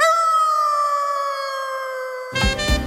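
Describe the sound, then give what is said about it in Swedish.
A long, sustained wolf howl holds a steady, slowly falling pitch for about two seconds, then breaks into a rougher, noisier burst of overlapping howls at the end. No one speaks. “Fåglar dansar, vargar ylar.”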